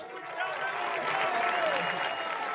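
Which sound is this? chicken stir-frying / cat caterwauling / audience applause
audience applause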